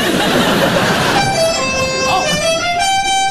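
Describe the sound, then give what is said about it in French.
A loud, sustained horn of a Costa cruise ship blares in a steady, buzzy tone with a slight waver in pitch, coming in after about a second of rushing, hissy noise and holding to the end. “Un bateau Costa!”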